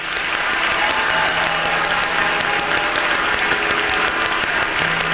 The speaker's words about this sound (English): And then he goes, all right, now we need the loudest clap you got. Come on.